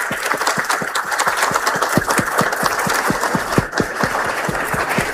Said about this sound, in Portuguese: Uma salva de palmas a eles. Podem ficar de pé, uma salva de palmas. Mais forte, gente.